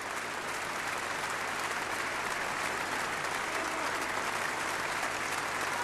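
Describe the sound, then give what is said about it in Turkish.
Sustained applause from a concert hall audience for the orchestra, conductor Antonio Pirolli and the soloists, a dense, steady wash of clapping at an even level for several seconds with no distinct voices standing out. “Alkışlar size ulaşıyor.”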